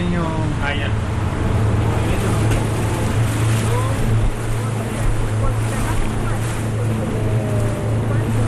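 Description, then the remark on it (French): A motorboat heading to a salmon farming site a few metres away drones steadily across the water, its low engine hum constant beneath the rush and splash of the hull through waves, with wind noise throughout. “Après avoir visité la maison des travailleurs, on va aller visiter le site d'élevage qui se trouve juste à côté à quelques mètres. Donc on va remonter dans le bateau.”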